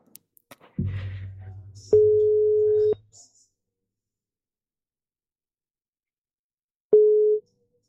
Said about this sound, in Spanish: Probamos, a ver. A ver. Facemos chamada. A ver se nos colle, porque unha persoa que por veces lle gusta coller o teléfono, eh?